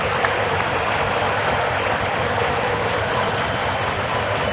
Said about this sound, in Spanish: Aplaudan. Aplaudan. No dejen de aplaudir a la selección nacional. Escuchen.